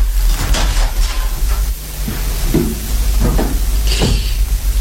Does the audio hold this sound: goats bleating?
no